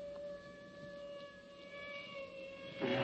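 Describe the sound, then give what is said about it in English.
Police sirens hold a steady, droning tone with a few harmonics, and a brief rougher burst of noise comes near the end. No one speaks. “The crooks, before fleeing, gag and bind him and string him up by the feet from a large crossbeam as the sound of police sirens fade in.”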